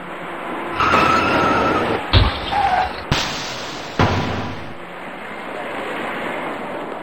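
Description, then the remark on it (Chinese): Road traffic hums steadily on the eastbound side road of the Third Ring Road at Anzhen Bridge after 10 a.m. as a white car rear-ends a silver car: a rush of tire noise, then a dull low thud and a couple of sharp bangs before the traffic noise settles back. “由于前方有些不太好走，行驶在辅路里面的车辆纷纷减速刹车，可驾车从后面开上来的这位白色小客司机并没有注意到前车的行驶变化，由于采取措施不及，白色小客撞到了前方一辆银色小客的尾部。”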